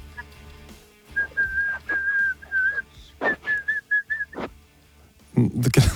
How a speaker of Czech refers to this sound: Krásný. A to měla být písnička? No, prostě si jen tak pískám něco. Prostě si jen tak pískáš, protože, a teď schválně, máš dobrou náladu. Souvisí to s tím? Jo.